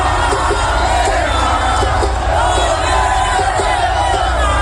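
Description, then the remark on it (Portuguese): A loud, sustained roar of a cheering crowd at a packed event at the Museu do Amanhã as coach Ancelotti names Neymar for the World Cup squad, with overlapping yells and whoops keeping a dense, steady wall of noise throughout. “Por conta desse barulho aí da plateia.”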